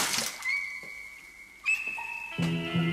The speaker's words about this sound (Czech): Šplíchnu mu na hřebínek putínku vody, aby ochladl, než si to rozvážíš.